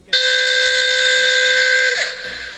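A custom car horn fitted on a new taxi in Sorocaba blares in one loud, steady, shrill, whistle-like blast for about two seconds, then cuts off with a brief downward slide and fading hiss.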